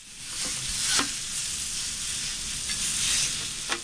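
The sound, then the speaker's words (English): Hibachi food, cooked out of the trunk of a car, sizzles steadily on a hot grill, a dense crackling hiss with occasional sharper pops and scrapes of a utensil stirring, with no voices. “He makes hibachi on a grill, but with a very unique twist.”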